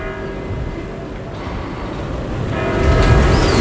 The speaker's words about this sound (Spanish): Son las 8. Mira, escucha las campanas.